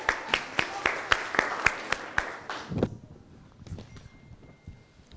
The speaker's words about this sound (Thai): ขอเสียปรบมือให้กับตัวแทนกลุ่มที่หนึ่งครับ